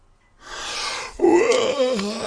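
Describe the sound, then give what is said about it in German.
A narrator imitates the long yawn of a boy in a bedtime story as he throws back the covers and sits up: a breathy intake of air, then a drawn-out voiced moan that sags lower in pitch before trailing off. “Gähnte Paul, als er die Bettdecke wegschlug und sich aufrichtete.”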